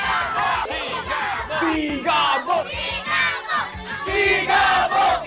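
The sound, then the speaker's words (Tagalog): A large crowd in San Fernando City, Pampanga, shouts and cheers for Coco Martin in loud, continuous waves, many voices overlapping in rising, rhythmic surges with a few higher-pitched yells standing out. “Please welcome si Coco Martin at ang sigaw ng bayan!”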